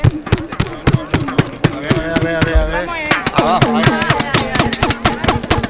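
Rapid, irregular plastic clacking from World Cup hand clappers being shaken during a Spanish radio broadcast with Ceuta residents, dense bursts of sharp clicks running throughout, with voices sounding underneath.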